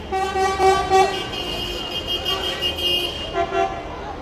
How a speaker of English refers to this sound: Right, and that's the end of that hooting traffic outside the interview.